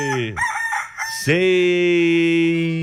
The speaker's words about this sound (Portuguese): Cadê o galo? Cutuca o galo, bebê.